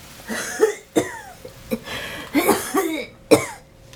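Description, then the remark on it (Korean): A person coughs repeatedly inside an old, run-down rural house in the mountains, in an uneven fit of about six harsh, raspy coughs with throaty voicing, moderately loud, with brief quiet gaps between them. “집안에서 기침 소리가 들렸다.”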